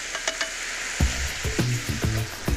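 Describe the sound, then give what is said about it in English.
A couple of tablespoons of sweet, sticky teriyaki sauce hit a hot pan and sizzle steadily, a dense crackling hiss with a few sharp pops and bubbling bursts near the end, fairly loud with no talking. “A couple of good tablespoons goes in. It will start to sizzle and go a little bit crazy.”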